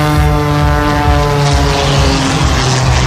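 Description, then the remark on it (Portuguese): A propeller airplane in an aerobatic air race on the banks of the Douro River roars loudly, its steady droning engine tone with strong harmonics shifting slightly as it passes overhead at speed. “Este domingo há uma nova corrida com acrobacias de aviões no mesmo local.”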